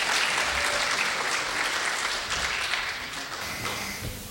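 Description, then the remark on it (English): An audience at a Bengali community event applauds a young girl before she recites from the Quran: a dense wash of many hands clapping at once, holding loud for a few seconds before gradually tapering off toward the end. “Big round of applause for our lovely young lady here.”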